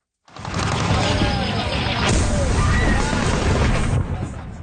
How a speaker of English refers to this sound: In a video posted on social media, explosions and gunfire can be heard.